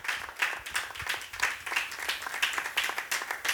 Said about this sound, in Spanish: Aleluya, fuerte esas palmas.